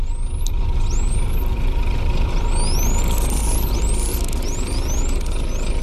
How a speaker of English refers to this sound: The dolphin sound that you just played for me is really interesting, actually, because it's probably a dolphin's signature whistle.